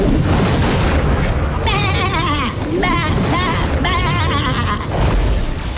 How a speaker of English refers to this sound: You're going to hear a sheep replacing a very famous movie quote. You got to tell me what that missing quote is